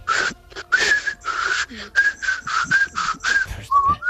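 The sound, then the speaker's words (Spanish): A person whistles a simple trill as a demonstration of a way of whistling: a quick series of short, breathy, wavering whistled notes at a steady pitch, with no talking. “hay gente que silba, por ejemplo, yo tengo, soy discreto, uh-huh, yo hago un silbido, digamos, qué bonito, es un trino bonito, pero así de andar por casa, ¿no?”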